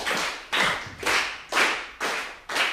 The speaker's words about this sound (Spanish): Es una mezcla de 6x8 y 3x4. ¡Guau! Wow, porque un 3x4 tiene que ritmo. A ver con las palmas cómo sale.